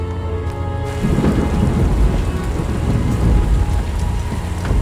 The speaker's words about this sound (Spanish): Sale fuera. Camina bajo la lluvia.